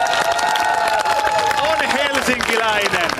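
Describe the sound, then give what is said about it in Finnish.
A crowd applauds steadily and loudly, dense clapping filling the whole stretch while voices cheer and whoop over it, a sustained ovation without a break. “Mutta tota, kiitos yleisölle kannustuksesta. Tää vielä isot aplodit”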